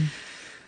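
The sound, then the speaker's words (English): A short, soft rush of air, like several people drawing in a deep breath together, steady and hushed for under a second with no talking. “Let's take a deep breath together.”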